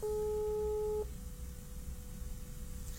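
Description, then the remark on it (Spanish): A telephone ringback tone sounds once, a steady electronic purr lasting about a second, then drops to a faint lingering tone over low line hiss as the call goes unanswered. No one speaks. “Answer the phone, please.”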